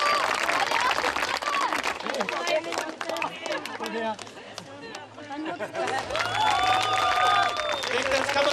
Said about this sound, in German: ausgelassene Stimmung und viel Applaus bei der Siegerehrung. Ganz klasse.